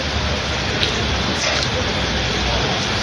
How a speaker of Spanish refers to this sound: Ha llovido, llueve y va a seguir lloviendo. Es el titular a esta hora en buena parte de España.